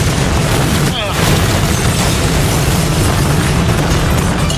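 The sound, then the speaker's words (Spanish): A helicopter crash explosion: a loud, continuous roaring blast with heavy low-end rumble and crackling noise, holding steady for several seconds without letting up. “Perfecto, el helicóptero está echando humo, pero José Luis resiste.”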